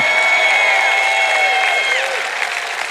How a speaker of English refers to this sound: you're going to clap and cheer over any message, if you're ever anywhere again and somebody says we're going to talk about self-control tonight, you shout and clap and cheer like it's going to be the best message you've ever heard in your whole life.